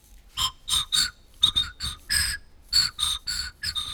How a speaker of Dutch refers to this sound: Ik heb zelf een fluit mee. We horen gewoon wat lucht.